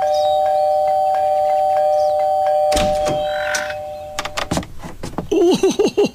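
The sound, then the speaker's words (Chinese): An electronic doorbell at No. 126 Gongyuan Lane, pressed over and over by a child, chimes again and again in a sustained, ringing tone, followed by several sharp thumps and clicks, with no one speaking. “小朋友，你都快把这门铃给按坏了。”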